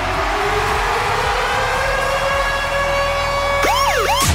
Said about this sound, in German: Ja, sie haut eben auch diese Woche wieder Konzerttickets raus. Und zwar immer dann, wenn unser Virgin Radio Ticket Alarm bei uns bei der Virgin Radio Morning Glory zwischen 6 und 9 abgeht.